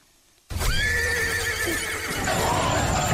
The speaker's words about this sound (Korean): 한산한 밤의 어둠을 뚫고 들려오는 말의 울부짖음 소리에 머리칼이 쭈뼛이 서고 소름이 오싹 끼쳤다.